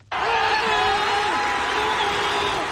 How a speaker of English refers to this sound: Supporters have been chanting, clapping and cheering after the New York Knicks came from behind in the closing minutes to clinch victory after five decades.